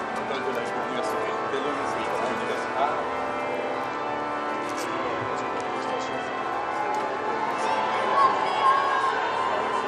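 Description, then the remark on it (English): A large crowd at the Institut Catholique de Paris cheers and calls out in welcome as Pope Leo arrives outside the entrance, a steady, dense roar of overlapping voices, with occasional higher shouts rising above it for about ten seconds. “You can hear the cheers and welcome coming from the Institute as Pope Leo has arrived outside of the entrance to the Institute of Paris.”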